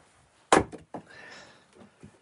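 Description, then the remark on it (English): A loud door bang, followed by a softer knock, a faint rattling drag and one last light thump, all with no voices; an outside door of a house built around a courtyard, banging on a windy day. “There's a lot of banging and bashing going on. We've got a door to the main outside.”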